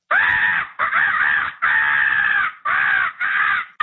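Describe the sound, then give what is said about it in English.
A voice imitates a cockatoo with five loud, harsh screeching squawks in quick succession, each raspy and sustained, separated by brief pauses. “That's basically a cockatoo.”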